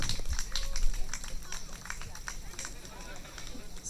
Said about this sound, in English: Our other runner-ups are Turtle Girls. Come on up. Big round of applause for the Turtle Girls, please.